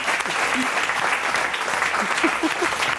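A burst of audience applause for a quiz contestant who answered correctly, dense and steady clapping filling the whole stretch at a fairly loud level, with a few faint voices calling out underneath.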